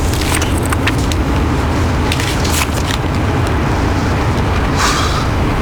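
Steady low rumble of a car's interior while driving, a continuous road drone with faint rattles and small clicks on top, no voices.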